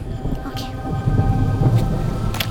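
Steady rain hisses throughout, with a deep rumbling underneath that swells slightly after the first second, like thunder rolling during a downpour.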